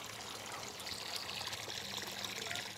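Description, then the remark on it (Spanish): A thin stream of water trickles steadily from a fully opened tap that gives very little water, making a soft, continuous splashy hiss with no pauses. It stays fairly quiet throughout, and no one speaks. “Está abierto todo el grifo y sale muy poca agua.”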